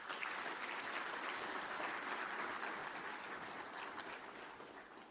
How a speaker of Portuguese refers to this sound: A todos peço uma grande salva de palmas.